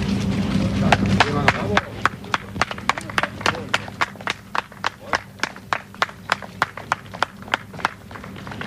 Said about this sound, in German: es war Freude, es gab Beifall von den Rettungsmannschaften für die 6 Überlebenden, die heute Morgen um 5.30 Uhr aus dem Schacht kamen.